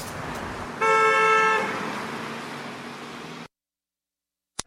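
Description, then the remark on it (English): A loud car horn blares for about a second over the steady rumble of traffic, then the street noise continues alone before cutting off abruptly. “We're bringing the fun back to driving on the Friday afternoon traffic jam.”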